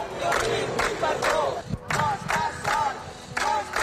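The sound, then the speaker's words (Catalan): About thirty people with placards chant and shout support in unison at the Audiència de Barcelona as Roger Espanyol arrives at 9 a.m., rhythmic bursts of massed voices rising and falling steadily, with a brief dip before the loud chanting resumes. “Roger Espanyol ha arribat a les 9 del matí a l'Audiència de Barcelona, on l'esperaven una trentena de persones amb pancartes i crits de suport.”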